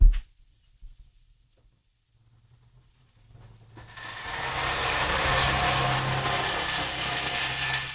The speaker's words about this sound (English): Okay, you just heard that truck. Kind of, sort of, barely.